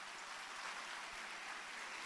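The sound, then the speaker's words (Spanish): A crowd claps steadily in applause for the Lord during a sermon, a dense wash of many hands applauding together with no pauses, fairly loud and sustained throughout, with no one speaking over it. “Un aplauso al Señor.”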